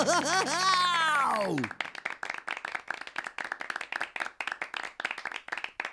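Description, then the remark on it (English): A bright tone slides downward in pitch, then a group breaks into a steady, fairly loud pirate clap, dense rapid claps that keep going for several seconds. “and give yourselves a big pirate clap, me hearties.”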